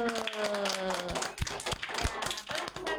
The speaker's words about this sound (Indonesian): Tepuk tangan dulu.